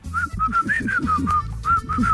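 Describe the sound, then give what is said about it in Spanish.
A person whistles a short song melody on request, a series of clear pitched notes rising and falling in a steady melodic rhythm, fairly loud, over a low background hum. “A ver, que piden rola chiflando. Piden, chiflame otra.”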